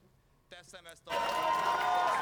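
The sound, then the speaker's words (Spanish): A couple of brief voiced shouts, then a crowd bursts into loud, sustained applause and cheering for Peter Maguiar on his arrival at the Hungarian Parliament, on his way to becoming Hungary's prime minister. The applause and cheering continue steadily to the end. “Aplausos y vítores a Peter Maguiar a su llegada al Parlamento.”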